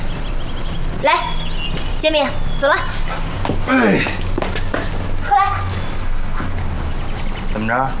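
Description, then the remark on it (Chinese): A dog named Jianbing, being trained for attack biting, gives several short, high barks and yips spaced a second or so apart, mixed with rising whimpers, moderately loud over a steady background hum. “你不怕你被狗咬了？”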